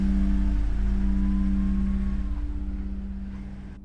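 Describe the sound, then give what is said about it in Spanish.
A car carrying a load of people hums steadily with a low droning rumble as it departs, then gradually fades as it pulls away. No voices are heard. “El auto parte llevando su cargamento de personas.”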